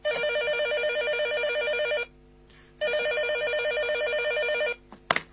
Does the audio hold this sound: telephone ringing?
yes